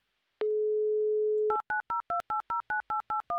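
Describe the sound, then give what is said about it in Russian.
A steady telephone dial tone hums for about a second during a mobile phone call attempt, then gives way to a quick, even run of around ten touch-tone keypad beeps as a number is dialed. No voices. “Мобильная связь, судя по всему, не на нашей стороне сегодня.”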